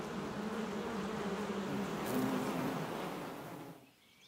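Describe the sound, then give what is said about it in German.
A dense, steady hum of many worker honeybees buzzing together inside a hive, continuous, fading out abruptly near the end. No voices. “Sind die Zellen gefüllt, verschließen die Arbeiterinnen sie mit einem Wachsdeckel.”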